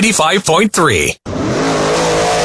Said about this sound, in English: Start your engines and get ready for the next level of dirt track action at Wythe Raceway this Saturday night.